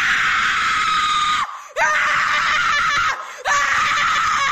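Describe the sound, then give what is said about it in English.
A person screams loudly at full force as scream therapy, in long, sustained bursts, with two short breaks for breath between them, piercing with no talking. “How about scream therapy?”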